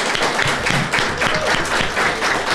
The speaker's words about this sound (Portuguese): Eles deixaram de fazer para estar sentados aqui conosco. Eles merecem o nosso aplauso.